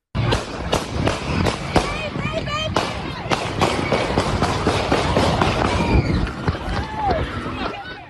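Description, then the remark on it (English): Gunshots crack out in a rapid, irregular burst at a crowded outdoor summertime community festival in Toledo, Ohio, sharp bangs cutting through a loud wash of crowd noise and shouting voices. “This was the scene when the festival was interrupted by gunshots.”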